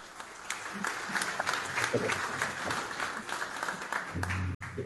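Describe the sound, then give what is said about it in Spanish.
An audience applauds steadily for several seconds at the closing of the second school correspondents' workshop held by UGEL Otuzco and Chami Radio. The applause is a dense wash of overlapping hand claps that holds at an even level before stopping abruptly near the end. “Un fuerte aplauso, por favor.”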